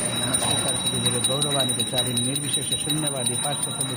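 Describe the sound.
A small worship bell rings continuously, a bright, steady high tone, while voices chant a melodic mantra over and under it at a moderate, even level, as food on an aluminum platter is offered to Krishna before fresh flowers and images of Krishna, Radha and Prabhupada.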